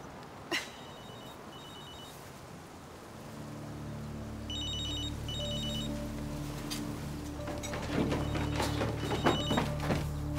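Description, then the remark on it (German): A telephone rings in short, repeated trilling bursts at moderate volume, over a steady low hum with occasional thumps and clatter in the room. “Nicht auf dem Handy, verdammt.”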